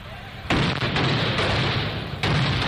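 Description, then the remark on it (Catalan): Firecrackers crackle and bang in a dense, continuous barrage, with two sharp louder bursts standing out. The explosions are loud, a harsh rattle of rapid pops. “Des dels castells de focs artificials fins als correfocs, la pirotècnia s'ha convertit en un element imprescindible de la festa.”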